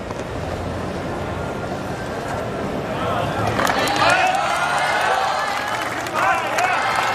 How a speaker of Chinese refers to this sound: 现场的观众也在给郑新闻给予掌声，希望借此给他提供更多的力量。